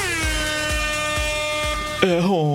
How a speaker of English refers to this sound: Air horn.